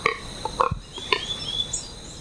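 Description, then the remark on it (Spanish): A few short, nasal calls of the Pato Codúa duck ring out in quick succession, clear, with faint high whistling bird notes in the background and no one speaking; recorded in the Orinoquía for the A Ritmo de Pájaros project of Fundación Corocoras. “Este sonido corresponde al canto del ave Pato Codúa y hace parte del proyecto A Ritmo de Pájaros de la Fundación Corocoras.”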